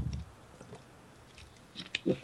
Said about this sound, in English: Let me get a slurp here.